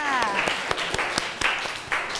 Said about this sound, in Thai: ขอเสียงปรบมือให้เพื่อนจากกลุ่มที่3ค่ะ